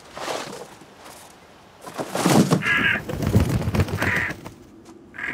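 A bird gives harsh, crow-like caws, three short calls spaced about a second apart, over a background of rustling and shuffling noise.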